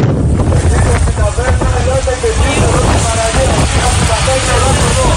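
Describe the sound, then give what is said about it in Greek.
Coast guard boats rumble steadily on open water as they approach Preveli beach, which is encircled by a wildfire front. Engine drone mixes with heavy wind of about 8 Beaufort buffeting the microphone and washing sea noise, with faint indistinct voices underneath. “Καφή του λιμενικού προσεγγίζουν την παραλία της Πρέβελης που έχει περικυκλωθεί από το πύρινο μέτωπο.”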